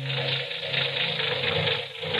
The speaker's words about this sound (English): Say, that engine of yours sounds like real tire and iron.